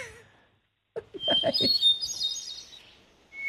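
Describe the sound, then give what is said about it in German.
A bird chirps in a quick burst of bright, high tweets, followed by a sustained twittering trill; a short faint call starts again at the very end. “das Schmetterling ist raus, dann kommt der Vogel auf den Grat.”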